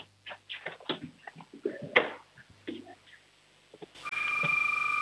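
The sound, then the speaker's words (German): A six-year-old child from Schwaz in Tirol imitates a doorbell with a string of short, bright vocal bursts, fairly loud. A steady electronic hum-like tone takes over at the end. “Und jetzt noch die Türklingel, auf los.”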